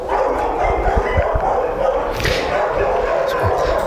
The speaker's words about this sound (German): Können Sie ihn denn am Bellen eigentlich erkennen oder bellt er gar nicht so viel? Doch, der bellt leider sehr viel.